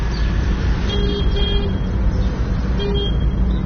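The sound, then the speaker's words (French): A bus horn honks in three short blasts, two close together and one a little later, over a steady, loud rumble of street traffic. “Tu es là dans 5 minutes, alors on essaye de ne pas se faire chasser par les bus.”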